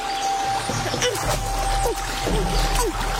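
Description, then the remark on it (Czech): A brook flows steadily with a continuous rushing, babbling wash of water, even in loudness, with a few brief chirpy sounds rising above it. “Musíš přeskočit ten potok.”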